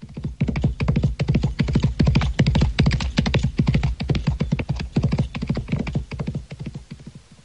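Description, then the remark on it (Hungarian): Horses being run at a trot, their hooves clip-clopping in a fast, dense, steady patter of sharp knocks that carries on without a break for several seconds, with no voices. “Futtassuk át meg még egyszer a lovakat.”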